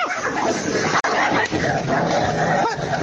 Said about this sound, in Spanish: Se están peleando la Brujita con la Campanita. ¡No tienen comida los perros